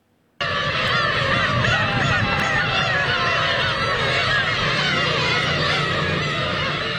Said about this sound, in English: Some say there could be thousands of cats meowing in unison on an island in northern Japan. But in fact, they are black-tailed gull chicks.